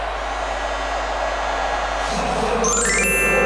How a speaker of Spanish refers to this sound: El público, escucha cómo lo aplaude a Gilberto Mora, que se va del campo de juego.